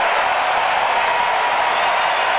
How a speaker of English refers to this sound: And the crowd being asked to be loud. And they are.